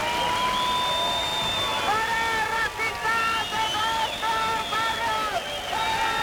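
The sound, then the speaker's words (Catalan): A loud crowd of antifascist protesters in Plaça Sant Jaume, Barcelona, shouts chants of "no passaran" and "fora feixistes dels nostres barris" in unison at members of a supremacist group, sustained voices rising and falling in rhythmic phrases over a constant roar of background noise and babble. “Una hora més tard han arribat els membres del grup supremacista, que han estat escridassats pels antifeixistes amb crits de no passaran o fora feixistes dels nostres barris.”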